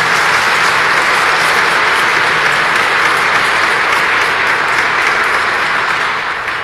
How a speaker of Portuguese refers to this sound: Nossa Senhora merece uma grande salva de palmas, né?